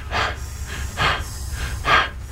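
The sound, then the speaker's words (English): Heavy, muffled breathing through a gas mask worn by the character Richard at the start of a movie, three slow hissing breaths at an even pace over a low rumbling background with no talking. “And then the sound continues, and we hear Richard's heavy breathing through the gas mask he's wearing.”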